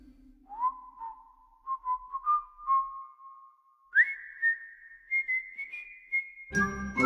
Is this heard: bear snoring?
no